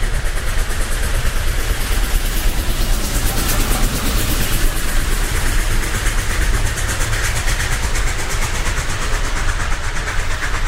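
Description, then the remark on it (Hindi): A train roars by on the tracks in the dark as Vinoba is pulled aside off the line, a heavy, continuous rumble with rattling and hissing on top that stays loud and steady throughout, with no voices. “जिस वक्त विनोबा को मैंने खींचा, उस वक्त मुझे रेलगाड़ी की आवाज के साथ साथ विनोबा के मुख से निकलता हुआ प्रभु नाम भी सुनाई दिया।”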